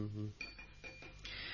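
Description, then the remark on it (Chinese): Chopsticks tap against a rice bowl during a meal in three light, ringing clinks spaced a little under half a second apart, clear, after a brief low voiced murmur at the start. “叫你食饭嘅时候小心扒饭，筷子唔好撞到个碗，倾倾框框咁好冇礼貌㗎，你唔记得啦咩？”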